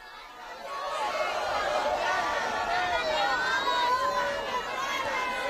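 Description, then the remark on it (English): A large crowd in St. Peter's Square, Rome, fills the square with a steady, dense roar of overlapping voices and excited calls as the Pope greets them from the Popemobile on a cloudy day, holding at a fairly loud, even level throughout with no single voice standing out. “As we go live this morning, we see the Holy Father is still making his rounds, greeting the crowds from the Pope Mobile here in St. Peter's Square.”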